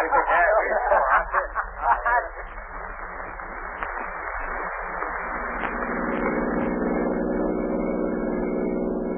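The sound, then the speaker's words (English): A car engine drones steadily as the car drives along a road, a continuous low hum that settles in after a few seconds of busier, clattering sound at the start. “Margo, pull right over here, off the road. Here we are, Lamont. Good. Now, you stay here in the car.”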